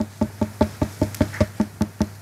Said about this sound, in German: Sie haben gut kombiniert, das ist ein Klopfen. Aber wer klopft da wo, woran und warum? Es sollte so ein heller, hohler Ton sein.